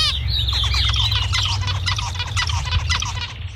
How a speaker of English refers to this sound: So one of those examples is actually the zebra finch. And in this case, the human participants actually had the opposite preferences of the birds for whatever reason.